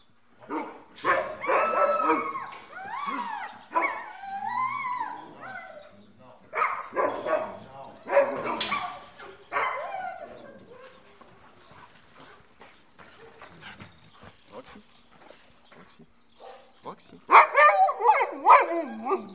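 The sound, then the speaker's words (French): Dogs bark and yip excitedly in repeated bursts, with some whining, howl-like cries mixed in; the racket eases off midway, then swells into a loud flurry of yelps near the end. “Et donc moi je vais aller chercher les deux chiens qu'on va prendre ce matin.”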